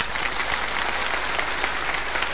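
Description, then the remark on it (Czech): A crowd, asked to practise polite applause, claps politely and steadily for a couple of seconds, a dense even patter of many hands at moderate volume with no voices or cheering. “Teď si zkusíme zdvořilý, zdvořilý.”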